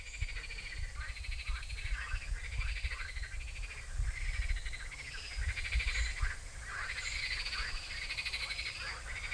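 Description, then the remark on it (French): A chorus of frogs croaks continuously, many overlapping rhythmic calls, over a steady low rush of flowing river water. No one speaks. “Donc normalement on n'a pas le droit de les manipuler parce qu'elles sont protégées, toutes les grenouilles de France, tous les crapauds de France, ni au stade de tétards, d'œufs ou d'adultes.”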